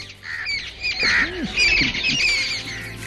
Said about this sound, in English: Yes, ma'am. Yes, ma'am. I listen to the sweet chirping of birds.